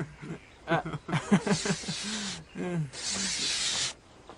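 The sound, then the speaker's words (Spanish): An owl hisses in two long, breathy bursts, broken up by throaty, wavering vocal sounds in between. “¡La lechuza! ¡Cara de Luna!”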